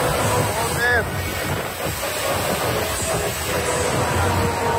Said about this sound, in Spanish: Así arreciaba esa lluvia torrencial en Orriols.